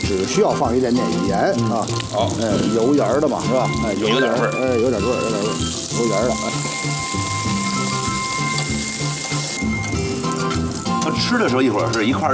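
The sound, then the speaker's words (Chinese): Tea leaves sizzle steadily as they are pan-fried in oil in a fresh pot to make oil-and-salt tea leaves, a continuous crackling hiss that runs the whole time, with people talking over it and a brief dip in the frying noise near the end. “对，咱就是属于是这个煎炒一下， 对，拿油煎一下， 动一动啊。”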